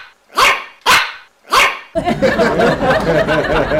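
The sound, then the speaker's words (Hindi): Three sharp, snuffly yaps from a tiny dog like the one in TV ads, barking outside the door, spaced evenly and sounding a bit like sneezes, followed by a sudden wash of dense, continuous noise that covers the rest. “पाजी मैंने बाहर देखा, ओए होए एक छोटा सा चिब्बा सा कुत्ता जो टीवी में ऐड करता है, पाजी वो भौंक रहा था और भौंक ऐसे रहा था जैसे सोन जुकाम छींके मारता है।”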